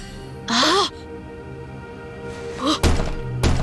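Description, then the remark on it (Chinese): Dull knocks on a door come in a quick cluster of thuds near the end, preceded by two warbling, caw-like cries with a low hum underneath. “司徒老师，好像有人在敲门。”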